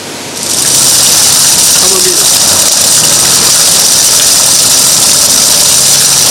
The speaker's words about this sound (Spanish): Una imagen nunca vista, agua cayendo desde el hueco de un árbol ubicado en Emilio Raña y Tomás Gomenzoro, casi como una cascada natural. Pero no se trataba de un milagro de la naturaleza, sino de un caño roto.